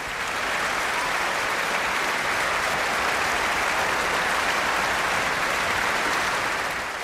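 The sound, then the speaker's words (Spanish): The audience at the Concertgebouw in Amsterdam applauds steadily on 1 July after a performance by pianist Alexandre Tharaud with an orchestra, many hands clapping in a dense, even roar that holds at the same loudness throughout, with no voices standing out. “Y los aplausos seguían en el Concertgebouw de Ámsterdam el pasado 1 de julio.”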